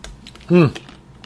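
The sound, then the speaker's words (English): A short, loud slurp from a drink, with a brief voiced tone that slides downward in pitch. Quiet clicks and faint background noise come before and after it. “Let me get a slurp here.”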